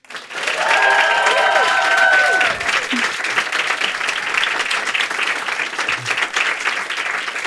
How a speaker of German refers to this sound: Einen sehr großen Applaus bitte für meine liebe Kollegin